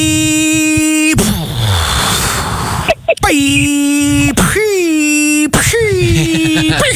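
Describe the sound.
A voice imitates fireworks: a steady high whistling tone, a loud hissing, crackling burst, then several swooping whistles that bend up and down in pitch, each cut off abruptly.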